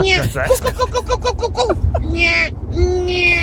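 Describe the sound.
A listener's voice mimics a bird call with a fast run of bright, chirping whistles, then a few longer warbling notes, fairly loud against a murmuring background.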